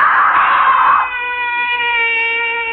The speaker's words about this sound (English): Why am I screaming? Just a dream. I'll stop screaming.